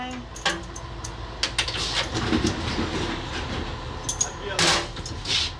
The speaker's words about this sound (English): But after a few attempts, at 7:25, Rossana and the train pull out of the station on time.